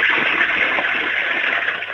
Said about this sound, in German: Die ist ja voll laut. Deine Klospülung. Du, da kann man aber ordentlich reingaxen in dieses Klo, oder? Und trotzdem kann man alles runterspülen.